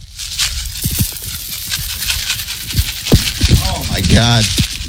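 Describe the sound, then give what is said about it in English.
Thumbtacks sprinkled from a cup and spread as evenly as possible over a field make a dense, steady patter of tiny sharp ticks and rattles for several seconds, with a voice speaking briefly over them toward the end. “You can hear the number that is being spread all over the field here.”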